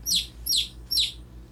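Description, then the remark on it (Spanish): A baby chick peeps three times in a steady rhythm, each call a shrill, high, downward-sliding chirp, with a faint low hum underneath and no voices. “¿Usted sabe cómo hace el pollito?”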